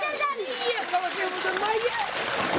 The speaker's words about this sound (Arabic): هذا هو المشهد في قرية تل السبع. سكان يملؤون عبوات المياه من نقطة مياه في الشارع بعد انقطاع مياه الشرب عن البلدة.